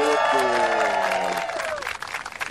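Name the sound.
audience applauding and cheering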